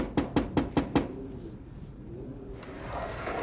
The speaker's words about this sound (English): There's Grandma Sutton's window. I'll knock.